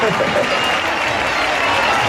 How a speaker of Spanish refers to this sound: Tengo aquí una muchacha que antes, guapa tú, que antes hemos hecho un directo y me ha dicho que se casa, y quiero que le demos un fuerte aplauso porque eso no se hace todos los días. ¡Ole!